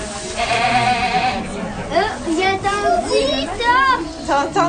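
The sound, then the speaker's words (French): Goats bleat repeatedly, several wavering, overlapping cries in quick succession over a busy background of voices and crowd noise. “Je suis venue voir les chèvres. J'aime les chèvres parce qu'ils sont vraiment trop mignons.”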